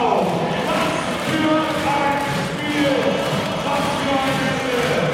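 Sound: arena crowd cheering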